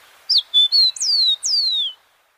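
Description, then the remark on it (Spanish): A rufous-collared sparrow (copetón común) sings clearly: a few short, sweet whistled notes followed by two longer, downward-slurring whistles, with no voices or other sounds; from the Colombian Bird Sound Bank compiled by the Instituto von Humboldt and Cornell University. “El trino del copetón común forma parte del Banco de Sonidos de Aves Colombianas, recopilado por el Instituto von Humboldt y la Universidad de Cornell.”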